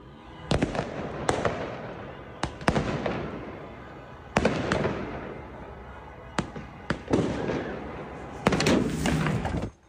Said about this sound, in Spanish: Dos personas grababan desde el balcón de un séptimo piso los fuegos artificiales por la victoria de un equipo de fútbol cuando uno de los cohetes cambió de dirección y les impactó directamente.